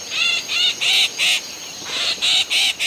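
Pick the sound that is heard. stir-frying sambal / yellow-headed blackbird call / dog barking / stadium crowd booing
yellow-headed blackbird call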